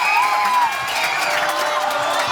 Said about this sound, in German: Man hört es am Jubel. 1-0 Spanien.